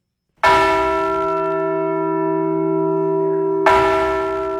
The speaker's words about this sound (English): North Dakota Governor Kelly Armstrong and State Historical Society Director Bill Peterson rang North Dakota's Liberty Bell replica at the State's Heritage Center in Bismarck. North Dakota received the bell in 1950.